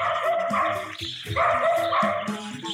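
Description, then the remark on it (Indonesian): A dog named Toki barks insistently, a rapid string of excited, yappy barks with one brief pause midway, then continuing just as loudly, while running back and forth and scratching at the ground. “Si Toki terus menggonggong berlari mondar-mandir mengajak mereka ke suatu tempat.”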